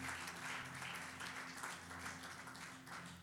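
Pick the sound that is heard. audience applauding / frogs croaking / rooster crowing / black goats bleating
audience applauding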